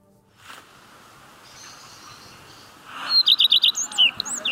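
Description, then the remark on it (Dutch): Birds chirp and sing outdoors along the bird trail in Ens over a soft background hiss, with a quick burst of clear, high repeated chirps in the second half, bright. “Bordjes met QR-codes om vogelgeluiden te kunnen horen.”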